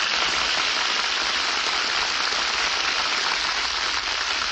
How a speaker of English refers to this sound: Hear that applause? Oh, they loved it, Jane.